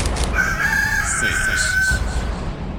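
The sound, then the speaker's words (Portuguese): A rooster crows once, loud, its drawn-out call holding steady for over a second before trailing off over a dense, noisy background. “Canta aí, galo, velho!”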